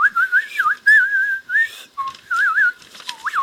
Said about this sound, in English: Oh, I love it. Do you know what? I completely forgot that little bit of whistling was in that tune. So, Georgie Porgie, there was a bonus for you there, my little mate.